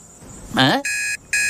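An electronic alarm clock rings early in the morning in loud, steady high-pitched beeps, two bursts separated by a short gap, right after a brief vocal exclamation.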